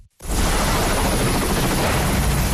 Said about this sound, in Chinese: UH-60M 黑鹰直升机由洛克希德马丁公司下属的西科斯基公司生产，是一款多用途直升机，能够运送部队和物资，并在敌对环境中执行搜救任务。